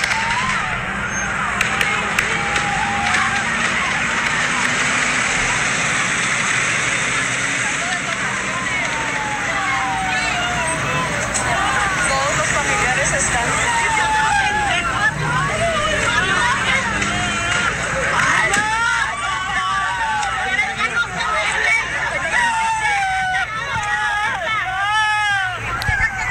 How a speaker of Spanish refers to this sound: Eso que escucha usted es personas que están afuera, familiares de los internos, que están naturalmente asustados, están llorando, una persona, porque pues está, se escucha eso ahí dentro, esas balaceras se están escuchando dentro del Cerezo.